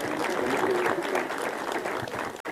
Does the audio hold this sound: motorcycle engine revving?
no